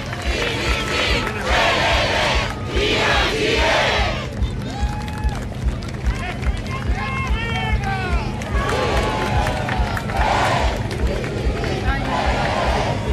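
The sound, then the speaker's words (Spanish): A large outdoor crowd at a ceremony in Parque O'Higgins applauds and cheers in loud swells at the start and end, with scattered shouts and a steady hubbub of voices between the bursts. “Escuchamos aplausos, escuchamos el ambiente hasta ahora en el Parque O'Higgins.”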